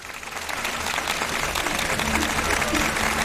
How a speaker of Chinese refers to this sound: 让我们掌声欢迎两位嘉宾。